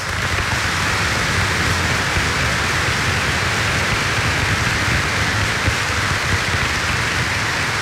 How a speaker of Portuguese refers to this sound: Muito bem. Nossa comunidade os acolhe com uma grande salva de palmas.